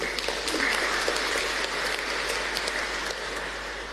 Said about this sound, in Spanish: Entonces les animamos también, gracias a ellos también llegamos a muchos hogares, ya sea de acá de Carapeguá y de otros países también. Entonces, felicidades y les animamos también con aplauso.